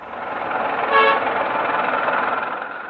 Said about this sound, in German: Verkehrschaos gehört in Hanoi einfach dazu. Das gilt auch für den vielbefahrenen Tian-Tien-Kreisverkehr.